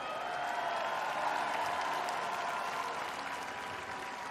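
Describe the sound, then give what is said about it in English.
A crowd at a live music show applauds the band's bass and keyboard players steadily, a dense wash of clapping hands holding an even, moderately loud level for several seconds without any voices breaking through. “Let's hear it for him.”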